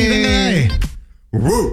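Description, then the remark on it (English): A person imitates a small dog, like a chihuahua, barking with two loud vocal yips: a longer falling yelp, a short gap of silence, then a higher, rising-and-falling bark. “What kind of dog are you giving? Definitely a chihuahua right there.”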